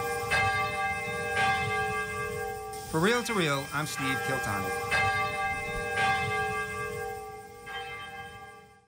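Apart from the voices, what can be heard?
cathedral bell ringing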